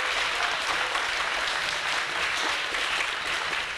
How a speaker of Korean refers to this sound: 네, 여러분 강연 잘 들으셨나요? 네, 좋은 강연 해주신 교수님께 다시 한번 큰 박수 부탁드리겠습니다.